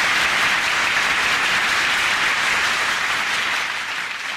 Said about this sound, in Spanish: Muchedumbre, un aplauso